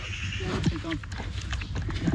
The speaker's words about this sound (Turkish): İki tane kuzumuz var. Anneleri ya, ölmüş. Şimdi parmağımızla onları alıştırıp sonra kuzu biberonuyla... Kuzu besliyoruz efendim.